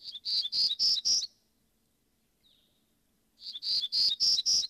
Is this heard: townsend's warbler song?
yes